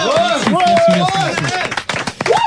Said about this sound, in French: qui représente ce soir la technique, hein, on peut l'applaudir.